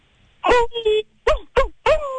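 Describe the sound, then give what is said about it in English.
A person imitates a werewolf's howl, loud, with a string of short yelping, wavering vocal calls that end on a longer drawn-out howl. “Like you were making, like, howling noises?”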